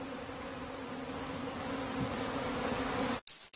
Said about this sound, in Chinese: 不管蜜蜂如何激烈地扇动翅膀，想要逃走，风虎始终紧紧地盯着它，直至最后得手。